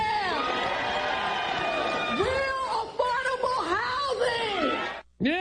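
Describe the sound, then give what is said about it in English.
A large rally crowd cheers and yells "yeah" in a loud, sustained roar, many voices rising and falling together for several seconds before a sudden brief drop-out near the end. “You know, it helps if you yell and then you get the crowd to go, yeah, that makes it really drive the point home.”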